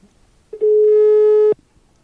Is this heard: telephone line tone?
yes